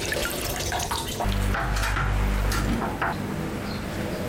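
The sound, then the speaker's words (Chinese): Water runs steadily from a tap, splashing and dripping as braised chickens just lifted from the cooking pot are rinsed under the stream to wash off bits of seasoning residue from the broth, at the Guilanfang restaurant, with a fuller rush in the middle and lighter spattering throughout. “我们这个出锅之后呢，都要冲下摆，因为汤里头啊会带着一些料渣子，都给它控出去。”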